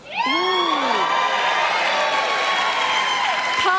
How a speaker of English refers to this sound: A surprising number of fans of the radiation oncology nurse profession. Woo! That's actually the biggest clap I've ever seen for a single profession in the history of this show.